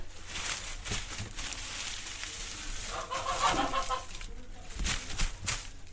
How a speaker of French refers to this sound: Des poules.